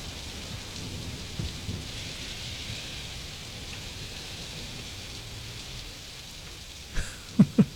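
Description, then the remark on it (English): Steady rain hisses throughout a played recording, with low rumbles of thunder underneath, ending in a few sharp, loud thunder cracks in the last second. No voices. “It stopped raining yet.”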